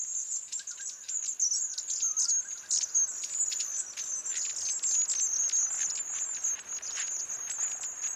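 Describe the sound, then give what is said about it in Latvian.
A small flock of long-tailed tits keeps up thin, high-pitched contact calls, a constant overlapping stream of short twittering notes, with no one speaking. “Šajā laikā garastīšu bariņam ir arī ļoti raksturīgs sauciens.”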